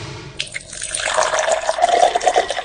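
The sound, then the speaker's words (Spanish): Water pours steadily into a container, a splashy gush whose gurgling tone rises in pitch as the vessel fills. No voices are heard. “Disfruta de la pureza de la mejor agua. Agua de mesa Miss Soda. Bidones de 12 y 20 litros.”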